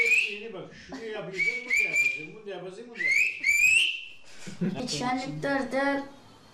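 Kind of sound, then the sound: human body sound, whistled language communication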